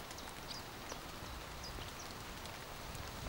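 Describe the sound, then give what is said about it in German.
Gentle wind moves through trees in a soft, steady rustling hiss that never rises or falls, with a few faint, high bird chirps scattered over it and no voices. “Ein Windhauch geht durch die Bäume.”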